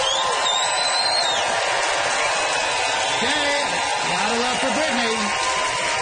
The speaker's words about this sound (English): Time to vote by applause.